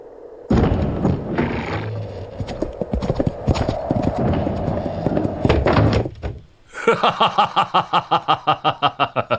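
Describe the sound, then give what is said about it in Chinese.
A heavy door or gate rumbles and clatters open for several seconds for a messenger carrying a golden-tablet order, loud, then falls quiet before a steady run of galloping hoofbeats takes over. “开门，金牌传令。”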